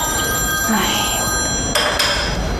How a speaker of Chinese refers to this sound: 看着没有，一分钟都没到啊，又来电话了。